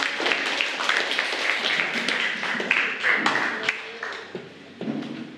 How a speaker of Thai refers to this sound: ถูกต้องปรบมือให้กับเพื่อนด้วยค่ะ